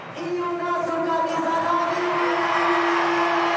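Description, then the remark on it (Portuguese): A large stadium crowd of Corinthians fans roars and cheers in a loud, sustained wall of noise as Corinthians player Yuri Alberto's name is announced, with a steady sung tone riding on top of the din for several seconds. “Ó, mais que o Garro. Ó, ficou ali no mesmo patamar do Garro.”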